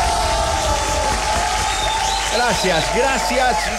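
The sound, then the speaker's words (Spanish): Steady applause during the show A Todo Volumen fills the whole stretch, a dense wash of clapping with crowd cheering and voices rising over it toward the end. “Y bueno, el día de hoy quiero volver a mandarles un aplauso a todos ustedes.”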